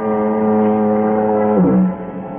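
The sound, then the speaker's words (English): A foghorn at the point near San Quentin Prison sounds one long, steady, droning note through fog that slides lower near the end and then fades slightly, loud and unbroken, with no voices. “It's cool, quiet, except for the monotonous moan of the foghorn down at the point near San Quentin Prison.”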